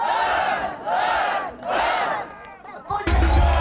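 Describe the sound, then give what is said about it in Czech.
A crowd of winter swimmers at an ice-covered lake in Nitra, Slovakia, shouts a cheer to the cold water three times in unison, each loud, drawn-out cry evenly spaced, followed by a short lull and then a sudden burst of rough, noisy commotion. “Studené vodičke trikrát zdar!”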